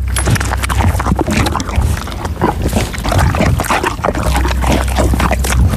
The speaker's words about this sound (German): Ich habe eher den Eindruck, sie trinkt irgendwas, schmatzt ganz schön. Also es klingt auch sehr sabba, flüssig. Ach, jetzt weiß ich's doch. Die Pferdedame Didi frisst gerade eine Banane.